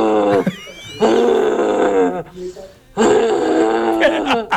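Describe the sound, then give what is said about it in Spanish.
A person bellows a deep, drawn-out roaring call imitating a rutting deer stag, two long guttural blasts separated by a brief pause, loud. “Triple chance de hacer el llamado del ciervo con pinturería tricolor”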